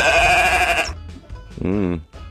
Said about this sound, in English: Do you want to hear these sheep for today? That's right. If it sounds difficult, it's definitely not. Give it a shot, nonetheless. Yeah. So this is sheep number one. Ah! Cute. Sheep number two.